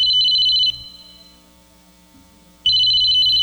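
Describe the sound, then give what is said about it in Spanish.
A telephone rings loudly in two bursts of shrill, warbling electronic tone, with a quiet gap of about two seconds between them; no one speaks. “Suena el teléfono, oiga, oiga.”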